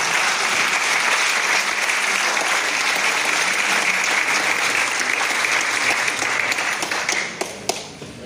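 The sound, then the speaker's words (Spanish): An audience applauds the consul of the Republic of Cuba as he comes to speak: a dense wash of many hands clapping at even loudness for about seven seconds before thinning out into a few scattered final claps. “darle el paso al cónsul, de la República de Cuba, que viene también a dar sus palabras. Aplauso.”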